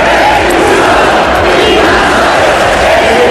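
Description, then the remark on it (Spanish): A large protest crowd in support of Ceuta shouts chants in unison, such as "Ceuta no se vende, Ceuta se defiende". It is a loud, dense wall of voices that holds steady for the whole stretch without any pause or single voice standing out. “Entre los manifestantes, gritos de Ceuta no se vende, Ceuta se defiende, también insultos al presidente del gobierno y peticiones para que se expulse a los migrantes.”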